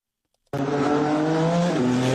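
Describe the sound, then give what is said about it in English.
A race car engine at the Freedom 250 Grand Prix on the streets of the Capitol bursts in after a moment of silence and holds a loud, steady roar, its harmonic whine shifting pitch slightly as it revs, with a hint of tire noise. “A lot of horsepower roaring on the streets of the Capitol for the first time.”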